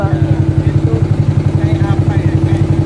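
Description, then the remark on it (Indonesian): A motorboat carrying local and foreign tourists along the river through the Rammang-Rammang karst area, Salenrang, Maros Regency, South Sulawesi, chugs loudly, its rapid, even pulses thumping steadily from start to finish with a low, rumbling drone. “Sejumlah wisatawan lokal dan mancanegara sedang asik menikmati keindahan kawasan Ramang-Ramang sambil menelusuri sungai dengan menggunakan perahu motor.”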